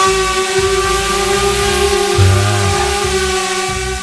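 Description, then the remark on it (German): A loud, steady buzzing drone hovers overhead in the sky above a meadow, its whining motor tone holding even with dense, stacked harmonics and a low rumble that shifts slightly midway, with no voices. “wer fliegt denn da eigentlich rum mit so einer Drohne? Das ist übrigens das Geräusch, was wir gerade gehört haben”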